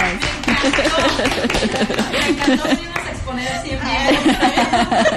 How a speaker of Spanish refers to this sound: Eso, pues un aplauso, chicas.